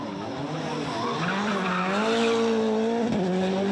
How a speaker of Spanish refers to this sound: Vimos al legendario conductor de Fórmula 1, David Coulthard, haciendo drifting por las calles de Zagreb en un bólido de Fórmula 1. Una experiencia fenomenal.